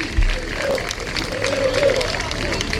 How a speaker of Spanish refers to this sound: Mira, los aplausos son para el autobús del Sporting que se marcha. Sí, pues. Se aplauden al autobús del Sporting que está saliendo ahora mismo de. Les aplaude más gente.